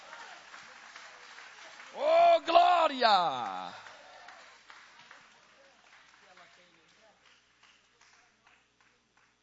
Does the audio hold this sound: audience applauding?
yes